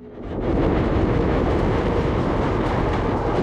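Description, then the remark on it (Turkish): A steady, loud rumble of a moving train swells in within the first half second and holds, dense low-end clatter and roar filling the whole stretch with no voices. “Ha, trenden inmeliyim.”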